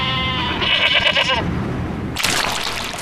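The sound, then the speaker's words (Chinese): A short-legged mountain goat, a breed unique to Guizhou, China, gives a loud, wavering bleat lasting over a second on a mountain in Guizhou, followed after a short pause by a burst of rushing, hissy noise like water or wind. “这种贵州特有的矮脚山羊，羊肉拥有浓浓的青草香气。”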